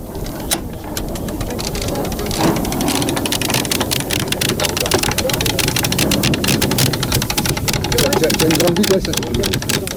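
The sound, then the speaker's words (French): A sailboat winch ratchets in a rapid, steady run of clicks as a halyard is hauled in to tension a sail, aboard an association's sailboat sailing at Sète, over a constant rush of wind and a low rumble. “on est en train de wincher, c'est-à-dire de tirer sur une drisse pour tendre une voile”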